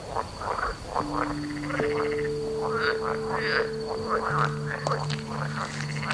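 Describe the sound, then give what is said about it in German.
A chorus of frogs croaking continuously at night, many overlapping calls in quick irregular bursts, with a steady high whine and faint tonal hum underneath, moderately loud. “Hören Frösche eigentlich?”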